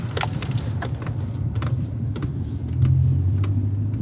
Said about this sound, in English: So we're just at the mouth of Salt Creek, where Salt Creek runs into the Coorong, and we're driving on top of a sand dune beside Salt Creek.